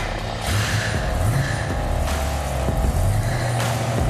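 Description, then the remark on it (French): A car engine idles steadily with a low, continuous rumble while the air compressor of the car's pneumatic suspension runs to fill its tank, a droning hum with faint rhythmic pulsing, with no voices. “Donc on va la laisser tourner avec le moteur en route.”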